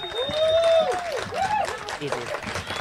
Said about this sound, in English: And please put your hands together. Are you mob ready? For the Samoan dancers. All right, bring them out to a round of applause. Come on.